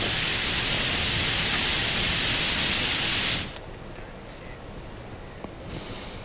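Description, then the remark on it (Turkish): A loud, dense roar of heavy hail and rain pounds down continuously for about three seconds, then cuts off abruptly, leaving a much quieter outdoor background. The hailstorm struck Demirci district, lasted about 20 minutes and flooded roads. “Şiddetli dolu yağışının ardından Demiriçi İlçe Tarım Orman Müdürlüğü'ne bağlı 3 ekip kırsal arazide inceleme çalışmaları başlattı.”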